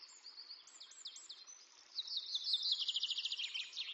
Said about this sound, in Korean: 조심성이 많은 이들은 주로 침엽수와 오리나무의 씨앗을 먹고 삽니다. 검은머리 방울새와 솔잣새는 쾌적한 산악 환경을 좋아하는 새들입니다. 그런 이들에게 에스파냐 전나무 숲은 완벽한 생태계죠.